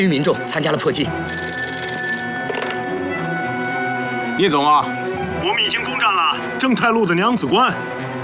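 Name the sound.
telephone bell ringing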